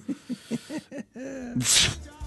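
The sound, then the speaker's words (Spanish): A theatrical fake sneeze: a voice builds up with several short rhythmic 'ah' gasps and a drawn-out breath, then releases a loud, breathy 'choo' burst, clearly exaggerated and voiced rather than real. “Se notó que era trucho el estornudo.”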